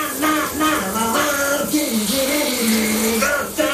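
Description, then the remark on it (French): Steady hiss of shower water running throughout, with a person singing a wavering tune over the spray. “ton concert sous la douche, il dure un peu, non?”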